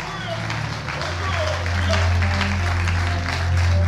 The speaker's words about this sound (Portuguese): Alguém tem fé para ser útero de Deus? Então aplauda e glorifica ao Senhor.